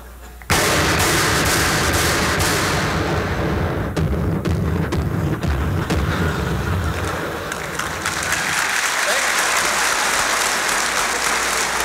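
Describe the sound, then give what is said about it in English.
A sudden, loud barrage of heavy 40-millimeter cannon fire erupts and pounds on continuously for about eleven seconds, dense and booming, with the deep low rumble thinning out toward the end. “Somebody on the other side opens up with a 40-millimeter cannon.”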